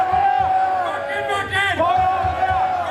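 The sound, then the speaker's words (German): A large crowd at a festival in the village of Wacken cheers and chants together in a steady, rhythmic call, applauding a renewed marriage vow, voices loud, with a constant roar of many people underneath. “Applaus für ein neues Eheversprechen geht über in Applaus für eine alte Tradition.”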